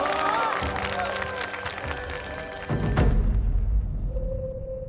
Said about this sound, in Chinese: 哎，好，掌声有请佩奇老师。